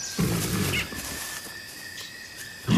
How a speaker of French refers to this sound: À peine avait-il fait quelques pas qu'il entendit le feulement d'un tigre.